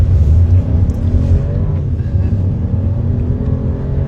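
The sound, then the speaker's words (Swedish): A car engine runs loud, a deep steady drone with rising harmonics as it revs and accelerates while young people with visual impairment test-drive with a driving instructor at Bulltoftabanan in Malmö, continuous throughout without any voices. “Där fick unga med synnedsättning testa att köra bil tillsammans med en trafiklärare.”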